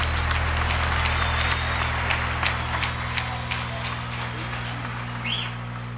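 An audience applauds steadily for about six seconds, a dense wash of many hands clapping at a fairly even level, with a low constant hum beneath it.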